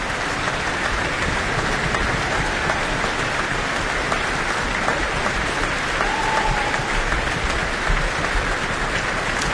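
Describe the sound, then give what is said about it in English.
Dense, steady applause from a large opera audience in New Zealand, with low thumping of stamping feet running beneath the clapping throughout, sustained at an even loudness with no voices, for the singer in the role of Sharpless. “Lots of stamping of feet here for his role as Sharpless.”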